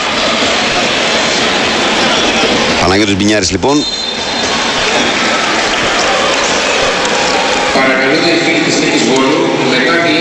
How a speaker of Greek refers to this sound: Θα φύγει ο Κοντούρης και θα μπει ο Μπινιάρης. Λοιπόν, αυτή είναι η επόμενη κίνηση για τον Παναθηναϊκό. Ο Μπινιάρης που παίρνει ζεστό χειροκρότημα και ο Κοντούρης και ο Μπινιάρης, τα Ελληνόπουλα του Παναθηναϊκού, ζεστό χειροκρότημα από τον κόσμο.